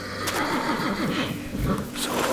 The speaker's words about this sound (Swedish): Men din häst lät orolig. Så jag skulle se vad det var med honom.